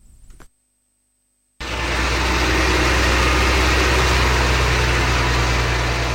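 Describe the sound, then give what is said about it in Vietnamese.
After a faint start and a second of silence, excavators and bulldozers roar in pouring rain amid mountain forest, repairing National Highway 12 between Lai Châu and Điện Biên, Vietnam, where about 30 metres of roadbed collapsed into a hydropower reservoir: deep rumbling engine tones under a constant hiss of rain. “Tiếng mưa rơi hòa cùng tiếng máy xúc, máy ủi gầm vang giữa núi rừng.”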